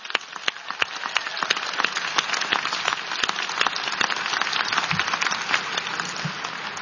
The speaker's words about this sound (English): So let's applaud your team up there.